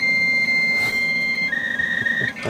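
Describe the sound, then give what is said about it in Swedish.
A dial-up modem dialing up to connect to the internet: a steady high electronic tone holds, then after a moment shifts into a warbling, chirping handshake over a hissy background. No one speaks. “Det här är ju så här uppringt modem. Man ringde upp och skulle ut på internet.”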